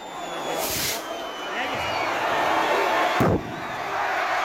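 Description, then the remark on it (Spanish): A festival cannon in Aranda, its fuse lit this year by the mayor of Lange, a German town twinned with Aranda, fires a single sharp, loud boom partway through, cutting across the steady hubbub of a large crowd, which keeps murmuring and calling out before and after the blast. “El cañonazo cuya mecha encendió este año el alcalde de Lange, en la ciudad alemana hermanada con Aranda, que estos días han participado de la fiesta y que también lo están comprobando.”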